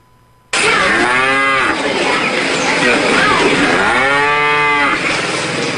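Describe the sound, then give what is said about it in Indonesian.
Dairy cows in Central Java, Indonesia, moo loudly, two long drawn-out lows with rising and falling pitch, one near the start and another toward the end, over steady background noise. “Dengan musim kemarau mulai mengancam ketersediaan pakan hijau bagi ternak sapi perah di Jawa Tengah.”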